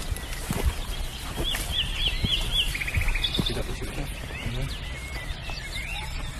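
Dawn birdsong from several birds: quick, high repeated chirps and short trilling phrases overlap against a steady, noisy background, with no one speaking.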